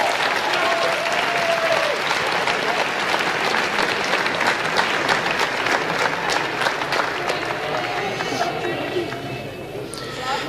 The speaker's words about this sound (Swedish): Då tackar vi så mycket och så ger vi det samlade gänget en gemensam applåd när de går och sätter sig.